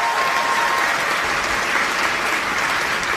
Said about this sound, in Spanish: Un aplauso bien fuerte para Jesús. Él es grande, Él es maravilloso.